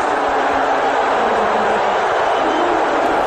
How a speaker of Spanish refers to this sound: Esto es un abucheo en el Madison Square Garden.